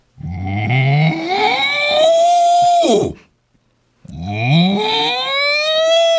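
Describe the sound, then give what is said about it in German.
A person imitates a cow with two long, loud moos, each a drawn-out rising then falling vocal tone, separated by a brief pause. “Ach so, wie macht denn eine Kuh?”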